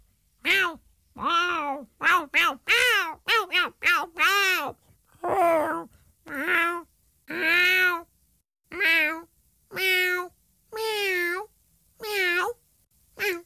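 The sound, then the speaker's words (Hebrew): A cat meows over and over, loud: a quick burst of short, clipped mews at first, then longer, drawn-out meows spaced about a second apart. “אך צליל החתול כמעט בכל מקום בעולם הוא מיהו.”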